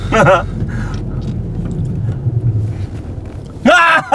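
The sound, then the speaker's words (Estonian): A small Trabant car engine runs with a steady, low, rattling rumble, fairly loud, while voices break in briefly at the start and again near the end. “Kuule see Trabant täitsa huvitav, et siuksed autoga lubatud on.”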